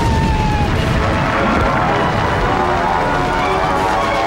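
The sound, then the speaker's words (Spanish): The first aerial bomb dropped from a plane explodes on the Government House, the Casa Rosada: a loud, dense roar of low rumbling and crackling debris that stays heavy and steady for about four seconds, with no clear pause or voices. “La primera bomba sobre la casa de gobierno.”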